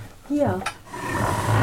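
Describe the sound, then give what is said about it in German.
A table is dragged across the floor toward the middle of the room in a rough, sustained scrape lasting about a second, fairly loud, just after a short voiced sound at the start. “Lass uns mal den Tisch da in die Mitte rücken.”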